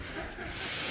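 A single faint sneeze, short and breathy with a hissy nasal burst, with no talking over it.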